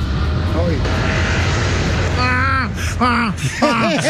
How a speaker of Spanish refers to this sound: Y escucha el avión.